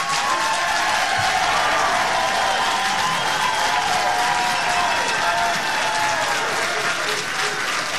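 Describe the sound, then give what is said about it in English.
A crowd at a city commission meeting claps steadily and loudly for several seconds after the Project Cumulus application is announced as withdrawn, a dense wash of applause with some cheering mixed in, and no clear speech over it. “We have had significant feedback from you as members of the council and from the folks that were just cheering behind me, asking questions about this project, about its impacts, and frankly, about the process to date.”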